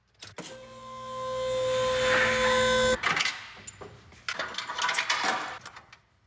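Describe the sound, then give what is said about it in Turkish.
A truck's PTO engages with a sharp click as the engine's power is taken off the truck's drive shaft and sent to the PTO drive shaft, the truck sitting idle, followed by a steady mechanical whine for a couple of seconds, then a run of irregular metallic clicks and clatter. No one speaks. “Hoş ve olumlu bir klik sesi.”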